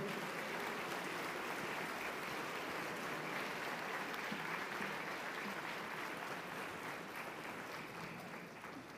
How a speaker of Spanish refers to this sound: Un fuerte aplauso para todos, por favor.